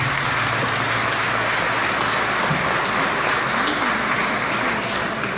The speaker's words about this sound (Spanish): Así que vamos a darle un aplauso a nuestro obispo